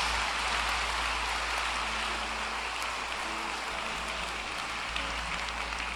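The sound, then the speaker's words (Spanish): An audience applauds the King of Kings and Lord of Lords, a dense, even wash of many hands clapping at once that holds at a fairly loud level for several seconds, with no voices over it. “¿Le das un aplauso al Rey de Reyes y al Señor de Señores?”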